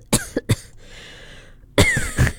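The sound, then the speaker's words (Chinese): A person coughs on air during a radio broadcast: a quick run of three harsh coughs, a brief pause, then another rough burst of coughing. No one speaks. “你确定你要在 on air 的时候这样子咳，可能大家会被你吓到。”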